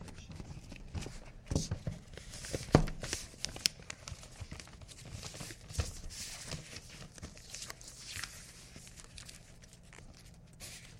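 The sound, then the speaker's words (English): Wrapping paper rustles and crinkles as it is folded around a book too large for the paper, with irregular bursts of crackling and a few sharper crisp snaps, no talking. “Tim's microphone is right down by the book, so you can hear all the paper moving around.”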